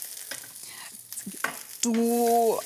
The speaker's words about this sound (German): Ich drehe einmal schnell die Zucchinis noch um.